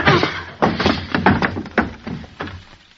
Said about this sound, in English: What'd you hit him with the chair for